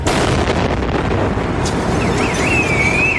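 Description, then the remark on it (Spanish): A loud, dense roar of a bomb blast, an ETA explosive placed in rubbish containers beside a bus stop in Córdoba, Spain, set off as a bus passed just before 8 a.m., fills the scene without letup, with a thin wavering whistle rising above the rumble near the end; no one speaks. “Los terroristas hacen estallar al paso del autobús un explosivo colocado en los contenedores más próximos a la parada.”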